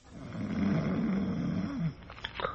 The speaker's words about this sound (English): From behind the curtain and the other bed in the room, from the big, heavily muscled aged man in it, comes a rhythmic and ear-shattering snore.